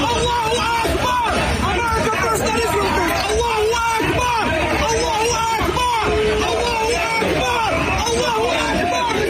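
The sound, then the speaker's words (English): A large crowd chanting "Allahu Akbar" outside New York City Hall, many voices overlapping into a loud, steady roar of shouting that swells in repeated surges and continues without a break. “Chanting Allahu Akbar.”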